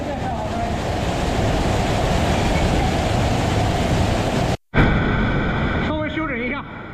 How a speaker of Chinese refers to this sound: 这5米的高度虽然规模不大，但湍急的水流叠在台阶上，叠出了3级瀑布叠水的景观。